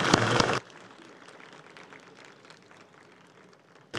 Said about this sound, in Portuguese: Muito obrigado, relator do projeto, senador Fabiano Contarato. Merece nossas palmas.